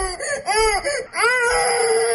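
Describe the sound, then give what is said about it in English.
A baby cries in repeated wailing bursts, each rising and falling in pitch with a strained, high-pitched tone, loud and continuous with only brief breaths between. “These are the worst sound, the baby crying.”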